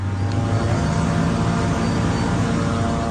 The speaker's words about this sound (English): I can hear surveillance drones above us. They're watching everything.